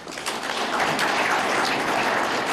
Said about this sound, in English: And I think he deserves a round of applause.